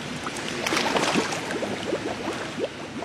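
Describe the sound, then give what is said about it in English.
A steady burst of bubbles blown out underwater in a pool during a mermaiding lesson demonstration, a dense gurgling stream of quick, rising bloops over a constant watery hiss, with no talking. “And then you're just going to blow out all those bubbles and push them out to the world like this.”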